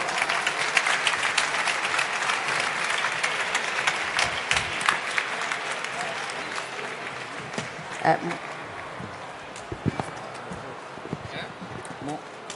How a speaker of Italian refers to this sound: Prego, un bel applauso.